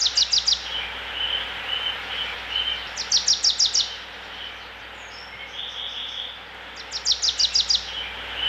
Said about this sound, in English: We also have to mention the beautiful nature that you hear in the background, the birds, the water, the park. The park surrounding the palace is also unique, right?